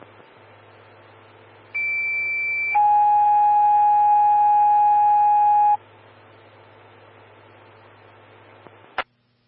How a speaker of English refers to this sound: Station 1, Engine 131, Medic 124, standby for tones on call 2.